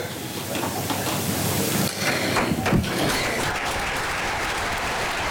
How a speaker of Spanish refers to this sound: Discurso de María Chivite ante el Comité Regional del Partido Socialista, que, como escuchamos, aplaude el discurso de la que ya es su precandidata a liderar la lista al Parlamento del Partido Socialista